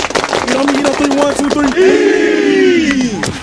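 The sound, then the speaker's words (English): The Kings Mountain High School football team claps together in a quick, steady rhythm while voices chant along, then the claps give way to a loud, sustained team shout. “Everybody clap it up.”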